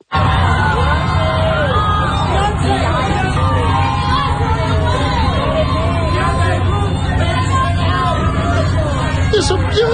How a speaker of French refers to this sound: Alors, c'est l'arrivée de Beyoncé au Met Gala. C'est ce que vous entendez. En fait, vous entendez les réactions et probablement les cris de photographes exact. Aussi qui essayent d'attirer l'attention.